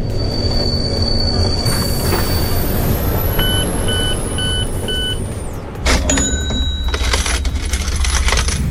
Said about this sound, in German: Also los, unser Zug hält mal wieder. Nächster Halt, Frankfurt Hauptbahnhof.